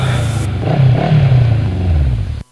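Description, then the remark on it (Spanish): A motorcycle engine revs, its low throaty growl rising and falling in pitch over a couple of seconds before cutting off abruptly. “Actúa normal, ahí viene tu moto crush.”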